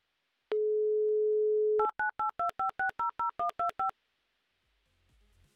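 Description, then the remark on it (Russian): A steady dial tone holds for over a second, then ten quick, evenly spaced touch-tone beeps of varying dual pitch as a phone number is dialed to call a listener in Krasnogorsk live on Humor FM radio, followed by near silence with faint low rumble. “Позвоним и узнаем, из какого именно Максим Красногорска и не нужен ли ему автомобиль.”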